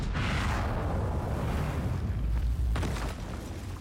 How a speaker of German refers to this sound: Ein Kanonenschuss zerstört eine Engelsstatue in einer gewaltigen Staubexplosion. Damit beginnt die Oper.